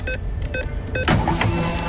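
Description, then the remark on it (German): A short jingle sound effect on Radio Regenbogen, played whenever a free fuel card prize is loaded in the programme: a quick run of bright, pitched electronic blips, then a loud whooshing swell with warbling tones that carries to the end. No one speaks over it. “Achtet drauf, sobald die 500 € Freitankkarte hier im Programm aufgeladen wird. Das klingt immer so.”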